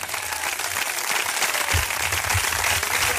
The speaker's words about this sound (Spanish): Si ese aplauso es para Él, déselo con todo el corazón.